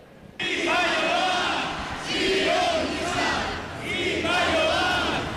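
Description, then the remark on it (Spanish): A large protest march crowd in the Arenal shouts in unison against the Ertzaintza, accusing it of being Zionist. The shouting rises and falls in repeated chant-like waves, with many voices blending into a loud, continuous roar of protest chanting. “La marcha comenzaba con gritos contra la Ertzaintza, a la que acusan de sionista.”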